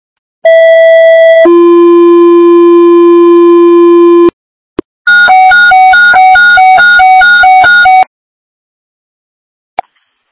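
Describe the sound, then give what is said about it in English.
Loud electronic fire dispatch alert tones: a short high steady tone drops into a long lower one, then after a click comes a rapid warbling alternation of two pitches, ending with another click. “Stand by for tones.”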